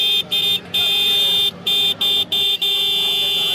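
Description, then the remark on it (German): A loud, shrill Roots vehicle horn, sold in India, honks in rapid bursts, several short toots broken by brief gaps, then one long sustained blast, with busy background noise underneath. “legen knapp 20 Euro auf den Tisch für den König der Hupen”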